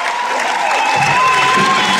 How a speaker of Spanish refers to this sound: Escuchen, ovaciones de pie.